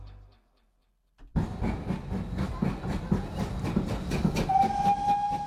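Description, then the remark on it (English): After a brief silence, a steam train starts up loudly, chuffing in a rapid, steady rhythm, and near the end a high, sustained whistle sounds over the engine. “Let's go back to the era of steam when rail was the only way to travel.”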